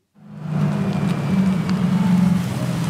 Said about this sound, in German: Fast geräuschlos kommt der kleine, knuffige, blaue Elektrobus angefahren. Noch sitzt ein Fahrer hinter dem Steuer.